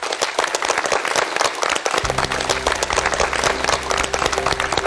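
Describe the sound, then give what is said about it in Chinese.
An audience at a reading event about the Zizhi Tongjian applauds steadily as the next speaker is invited up, dense overlapping claps; partway through, a low sustained musical tone swells in beneath the clapping. “大家鼓掌。”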